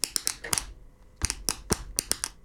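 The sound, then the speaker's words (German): A pen taps on a tabletop in a quick, uneven rhythm of sharp clicks, pausing briefly before another burst of taps. No one speaks. “Beim nächsten Song könnte ich mir vorstellen, der Komponist, der hatte einfach nur auch einen Tisch und einen Stift und hat...”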